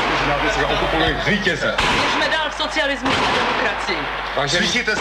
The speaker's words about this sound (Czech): Záznam … zachycuje nejen dramatické chvíle před rozhlasem na Vinohradské třídě, ale i vysílání, včetně střelby.